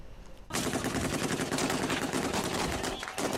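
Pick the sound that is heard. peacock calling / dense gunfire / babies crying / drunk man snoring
dense gunfire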